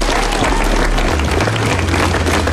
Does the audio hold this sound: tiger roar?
no